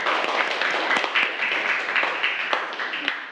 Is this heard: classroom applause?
yes